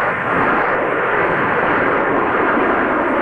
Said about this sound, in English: 34-foot-tall Mac the Moose towers over Moose Jaw, along with the legacy of the Canadian Forces Snowbirds jets after more than 50 years in the air.